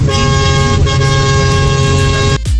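A loud, sustained truck horn, sounded by a truck driver, blares continuously for over two seconds, steady, then cuts off abruptly near the end.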